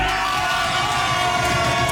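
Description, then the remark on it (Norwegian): A crowd cheers and whoops loudly and continuously, a dense wash of many excited voices with shouts and yells rising out of the roar. “Så starter vi med litt jubel.”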